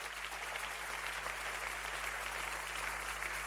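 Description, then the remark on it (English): A crowd claps for the Lord during preaching, steadily and densely, a sustained wash of many hands applauding at an even loudness with no voices rising above it, over a faint low electrical hum. “Give the Lord a clap of hand and preach.”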